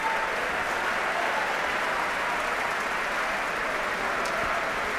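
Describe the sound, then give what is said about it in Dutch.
Sustained applause from a large audience for orchestra musicians, here for bassoonist Gustavo Núñez, a dense, steady wash of clapping at even loudness throughout, with no voices breaking through. “En ook fagotist Gustavo Núñez verdient zeker een applaus hier.”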